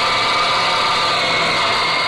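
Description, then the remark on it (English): A steady, dense mechanical roar of machinery on an airplane assembly line in Texas building fighting planes, with a constant engine-like hum and bright high-pitched whine holding evenly throughout, no voices present. “Sure would like to hear the sound of all the work going on in the plane for X Factor.”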